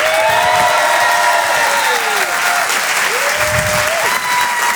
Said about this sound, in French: En direct sur Rire et Chanson, depuis l'Apollo Théâtre à Paris. Le Rire et Chanson Comedy Club. Découvrez vos futurs stars du rire. Je vous demande un tonnerre d'applaudissements pour Monsieur Brahms.